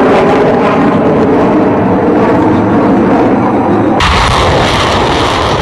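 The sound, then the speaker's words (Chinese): Loud, sustained artillery fire with dense booming and rumbling blasts, a continuous barrage that shifts abruptly to a harsher, brighter roar near the end, no voices present. Air and ground fire carry out a long-range strike in a live-fire joint land-air exercise of a multinational strategic drill with troops from China, Russia, Belarus and others. “随着陆空实兵联合演练正式展开，空地火力率先对敌实施远程打击”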